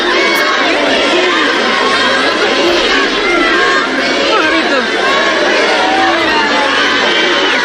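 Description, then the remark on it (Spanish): A dense street crowd of Melilla residents cheers and shouts continuously to welcome the Spanish king and queen in streets decorated with bands and red-and-yellow flags. Many voices overlap in a loud, sustained roar of excited calls, whoops and cries of "¡Viva España!" with no pauses. “y de melillenses a echarse a las calles engalanadas para la ocasión, con bandas y con banderas rojigualdas para recibir a los reyes con toda clase de vítores y con gritos de júbilo y de ¡Viva España!”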